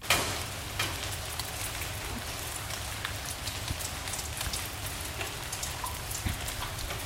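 Steady rain falls and patters on a surface, a dense continuous hiss with scattered sharper drop ticks, even in loudness, with no voices.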